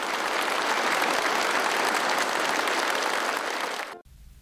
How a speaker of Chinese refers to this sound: 两国元首亲切握手，全场响起经久不息的掌声。